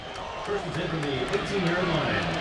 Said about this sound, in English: Crowd starting to get loud for this defense.